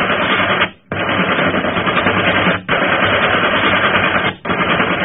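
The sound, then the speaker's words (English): Loud, continuous machine gun fire from a ship, aimed at another ship to sink it, rattles in long sustained bursts, broken by two brief pauses before the rapid hammering resumes, dense and harsh across the whole clip. “Keep firing!”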